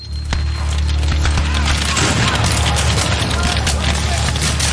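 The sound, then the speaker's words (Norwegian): Dense, continuous crackling of rifle fire over a deep, steady rumble, with heavy booms of cannon fire mixed in, as a battle breaks out between the rebels and the Norwegian immigrant soldiers of the 15th Wisconsin in brush and trees. The whole din stays loud and unbroken from start to finish. “De hører kanoner, men har ingen kanoner å svare med.”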